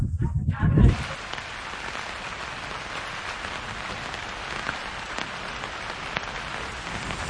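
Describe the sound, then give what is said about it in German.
Steady rain falls outdoors, a dense, even hiss of drops pattering on surfaces that continues throughout, preceded by a brief low rumble at the very start. “Heute regnet es und dieses Wetter scheint nicht allen Leuten so gut zu bekommen”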